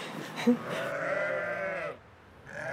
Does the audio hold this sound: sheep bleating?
yes